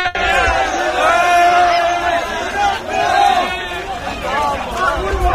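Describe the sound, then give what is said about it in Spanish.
A large crowd shouts and yells continuously, many voices overlapping into a loud, sustained roar with rising and falling cries throughout, as people keep arriving in Ceuta. “Todo esto mientras continúan llegando y llegando y llegando personas, escuchan gritos.”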